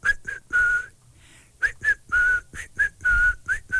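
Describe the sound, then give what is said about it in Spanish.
A person whistles a short, tuneful call of several quick notes and longer held tones, with a brief pause in the middle, fairly loud with no talking. “ya tengo por aquí algunos de los primeros chiflidos, los silbidos, más bien.”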